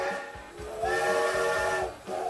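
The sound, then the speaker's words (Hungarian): A steam locomotive whistle gives a long, steady, chord-like blast over a wash of steam hiss, with a faint rhythmic chugging underneath and no voices. “1984-ben ezen a napon a MÁV leállította az utolsó magyarországi gőzbontatású személyvonat forgalmát.”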